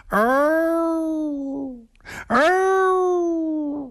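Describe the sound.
A voice imitates a fox's call with two long, loud, drawn-out wailing howls, each swooping up then holding a steady tone before trailing off, separated by a quick audible breath.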